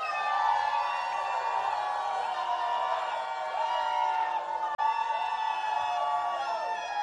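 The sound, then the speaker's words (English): An audience shouts together on a count of three to vote for a People's Choice Award, a loud, sustained roar of many overlapping voices holding drawn-out yelled tones for several seconds with only a brief break before carrying on. “So get your voices ready, people.”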